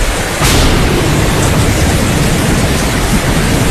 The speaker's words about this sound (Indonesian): Langit tiba-tiba gelap. Hujan turun sangat deras. Beserta petir menggelegar.